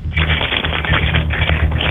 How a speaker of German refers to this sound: Und das beweise uns einmal bitte, indem du dir einen Schlüssel schnappst und einfach mal so rumklimperst mit dem Schlüssel.